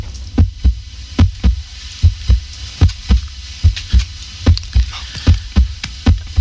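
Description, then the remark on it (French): A steady heartbeat thumps in paired low beats, lub-dub, repeating at a regular pace about once every 0.8 seconds, loud over a faint hum, with no talking. “Voici maintenant le bruit du cœur.”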